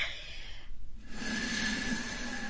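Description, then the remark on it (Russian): A person blows air in two breathy gusts as a signal, the second longer and steadier with a faint whistling edge, fairly loud, with no talking. “Вот я сейчас дуну. Услышите?”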